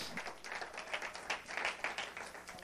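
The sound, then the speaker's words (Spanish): An audience at a Christian service applauds God in the name of Jesus of Nazareth, many hands clapping in a dense, steady patter that holds fairly even for a few seconds, somewhat soft in level, with no voices on top. “Le da un aplauso fuerte a Dios en el nombre de Jesús de Nazaret.”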